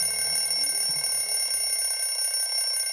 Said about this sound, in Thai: นาฬิกาเขาแค่บอกเวลาว่าตอนนี้เป็นเวลาเที่ยงตรงแล้วได้เวลากินข้าวกลางวันแล้วจ้า